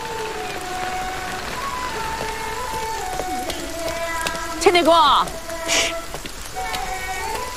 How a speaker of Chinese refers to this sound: 不是你在那儿干嘛呢？你嘘嘘我，你上来，下雨呢。